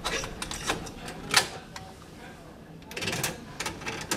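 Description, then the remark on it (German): Dry plastic clicks and rattles as a cassette is handled and pushed into a tape deck bought 35 years ago, with one sharper snap partway through and a burst of clattering near the end. “Er greift zu einer Kassette, die mit … versus … beschriftet ist.”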